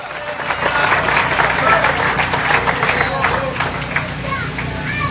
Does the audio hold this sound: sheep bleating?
no